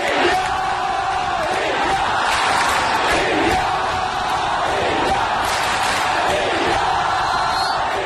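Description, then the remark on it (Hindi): A large crowd chants "India, India" in loud, steady unison, the rhythmic shouts repeating about once a second over a continuous roar of voices. “अगले 10 दिन सात समुंदर पार स्कॉटलैंड के ग्लासगो की फिजाओं में भी इंडिया इंडिया के ये नारे गूंजते सुनाई देंगे, क्योंकि आगाज हो चुका है 22वें कॉमनवेल्थ गेम्स का।”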